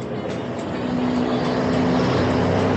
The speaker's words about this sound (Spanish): Aquí pasan muy rápido los carros.